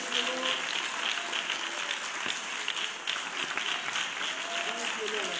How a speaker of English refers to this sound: Hand clap. Hand clap of praise.